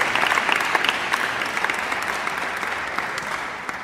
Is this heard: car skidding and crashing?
no